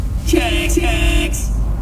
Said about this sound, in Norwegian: Oi, her var det jo fullstendig kork.